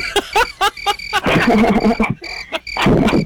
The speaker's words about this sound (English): We played the crickets for you, bro. It's late.